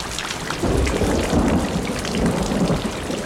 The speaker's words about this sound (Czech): Ostatní se k němu přidali a jak tak leželi a snili o vůni deště a jak kapky bubnovaly do zbytků střechy a všude bylo měkoučko, za chvíli usnuli.